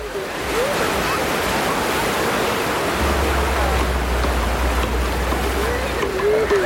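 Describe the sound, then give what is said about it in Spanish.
Steady roar of sea waves washing onto the beach at Gorliz, Biscay, on a breezy day, broad and continuous surf, with a faint low rumble joining partway through and no voices. “seguimos en la playa. la playa, nosotros en la de Gorliz, con la ropa remangada y los pies en el agua.”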